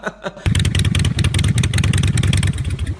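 After a brief quieter moment, the engine of a newly bought motorcycle bursts in loudly and revs, its low, rapid throbbing pulses running steadily with a rattly, gritty edge until the end.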